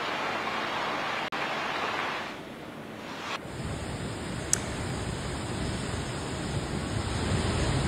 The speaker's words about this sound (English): There you see heavy rain lashing and resulting in waterlogging in several areas. The IMD has issued flash flood warning for Dehradun.